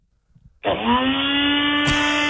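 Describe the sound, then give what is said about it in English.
A few soft clicks and handling sounds, then a small Nutribullet blender motor kicks on with a loud, steady whine that holds a constant pitch with dense harmonics; a sharp click near the end. “Blender.”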